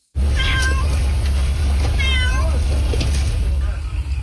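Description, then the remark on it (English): A cat meows several times in short, plaintive cries as a firefighter gives it water out of a bottle, with a wildfire burning nearby in extreme heat in Antalya, southwestern Turkey, over a constant loud low rumble of background noise. “A tender moment caught on camera with a firefighter giving a cat water out of a bottle.”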